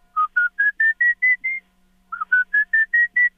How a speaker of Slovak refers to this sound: Keď to budú počuť, nie je to výsmech, ale je to prihovaranie najmenšej európskej sovy.